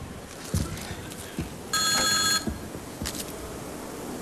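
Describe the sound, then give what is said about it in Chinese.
A telephone rings late at night in one bright, buzzing burst lasting under a second, loud, with a fainter echo of ringing shortly after over low background noise. “哎呀，大妹子，来来来，我出个主意啊，咱两个把电话拿起来，咱俩谁也别说话，让电话那头先说话，男的是你老公，女的是我老婆，啊。”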